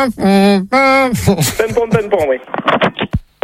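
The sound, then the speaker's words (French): A voice imitates a police siren with two long, loud, held tones, a "pin-pon" pattern lasting about a second, followed by rapid, animated talking. “Commandant, vous pouvez mettre la sirène, s'il vous plaît.”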